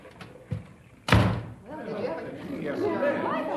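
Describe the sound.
A person collides and is knocked to the floor with one heavy, loud thud, after a couple of lighter bumps. Several voices then break into excited overlapping chatter.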